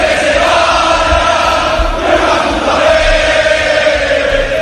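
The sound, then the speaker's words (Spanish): A large stadium crowd of Valencia fans shouts in protest against the club's management, a loud, continuous roar of many voices that holds steady for the whole stretch, with chanting swells rising and falling slightly. “en Valencia se escuchan muchos gritos contra la dirección.”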